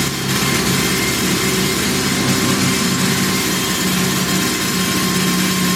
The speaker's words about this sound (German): Da musste man sich ganz schön die Ohren zuhalten, denn der Bohrer war ganz schön laut.